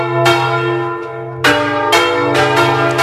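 Church bells of the churches, sanctuaries and parishes of the diocese of Plasencia toll at 10:30 in the morning to welcome the Pope's arrival in Madrid. Several loud strikes overlap with long shimmering resonance, each new peal landing about every half second to second, with no voices present.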